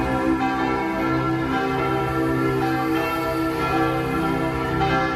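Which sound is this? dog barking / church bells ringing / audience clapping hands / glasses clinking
church bells ringing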